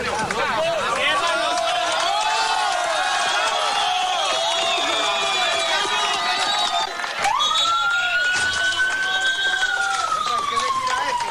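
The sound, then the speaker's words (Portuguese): Rescue teams and relatives shouting and cheering with joy as a 32-year-old woman is carried alive on a stretcher from rubble after an earthquake, loud, voices overlapping continuously, with a siren wailing in as the cheering goes on. “Daniela Largo Sanches foi retirada em uma maca dos escombros, enquanto as equipes e os parentes gritavam de alegria”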